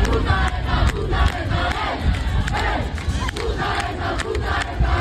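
A large crowd chants the hostile slogan "Puta ETA" in unison while smashing a car, a loud, dense wall of voices with rhythmic surges and sharp cries cutting through, no single speaker audible.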